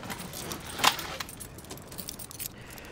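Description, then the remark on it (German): Keys jangle in a short, bright metallic burst, with a sharp clink standing out, followed by softer scattered jingles over a quiet background. No one speaks. “Gib mir den Schlüssel.”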